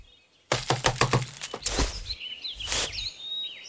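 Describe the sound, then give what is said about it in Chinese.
A woodpecker taps rapidly on a tree in a quick burst of sharp knocks, then a second shorter burst, with faint bird chirps in the background and no talking. “你们听到了吗？是啄木鸟。”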